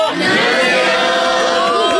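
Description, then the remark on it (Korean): About 20 students from Jinjeop High School in Namyangju, on a field trip to the radio show Moon Cheon-sik's Now Is the Radio Era, cheer and shout together, a bright, sustained, high-pitched roar of overlapping yells that stays loud for about two seconds, with no single voice standing out. “아, 오늘 날씨만큼이나 정말 함성 소리도 쨍하고 밝고 맑아요.”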